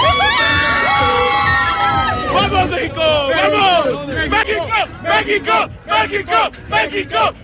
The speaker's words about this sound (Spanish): ¡México! Hoy nos veíamos en la obligación de abrir con el grito de la emoción de un pueblo, de una nación, la voz de la afición mexicana que después de ver ganar a su selección ante Ecuador ha estado de fiesta durante toda la noche.